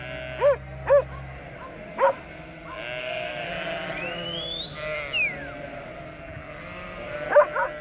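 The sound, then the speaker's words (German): Sheep bleat over an outdoor flock at about 2000 metres altitude, with an Abruzzese shepherd dog giving several short sharp barks, two early in quick succession, another a moment later, and a pair near the end. “Der abruzzesische Hirtenhund beschützt Schafherden vor allem vor Wölfen.”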